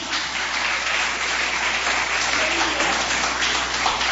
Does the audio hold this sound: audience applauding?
yes